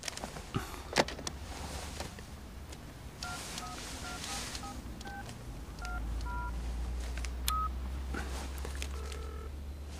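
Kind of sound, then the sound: household object, telephone being dialed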